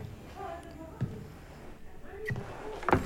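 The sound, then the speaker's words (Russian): A door opens and shuts as a man leaves, with a few soft thuds and latch clicks spread over a few seconds, over a low murmur of background voices. “Нерешительно потоптавшись у двери, Михаил выходит.”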